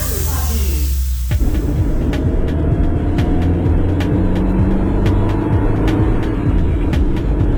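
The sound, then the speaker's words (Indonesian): A car pulling out of a junction, heard as a loud, steady rumble of engine and road noise, with a sharp shift in tone early on and faint regular ticking above it. “Bang, hati-hati tu. Kereta keluar simpang air.”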